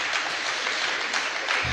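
A church audience claps together for Jesus at the altar in a dense, steady burst of applause, many hands blending into a continuous crackling roar that holds at an even loudness throughout, with no voices standing out.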